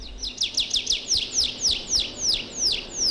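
A blue tit calls in a quick, steady series of about ten bright, down-slurred chirps, clear with only faint background noise and no voices.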